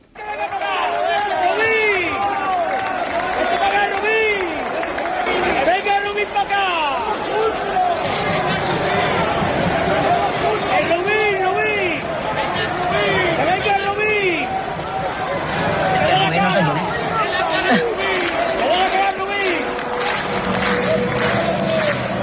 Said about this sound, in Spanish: esto cantó la afición de Almería, esos 300-400 que había en el quesito del Molinón, cuando los futbolistas de la Almería, por cierto, con Rodrigo Eli, mandando al grupo, todos, casi casi a la grada, y esto sonó ayer en el Molinón.